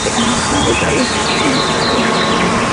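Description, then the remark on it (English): A dense, loud swarm of honeybees hums and buzzes continuously, recorded with a microphone stuck inside a buzzing hive, with wavering pitches layered over one another and no pauses. “producer Mark Rickers valiantly sticking a microphone in a buzzing hive”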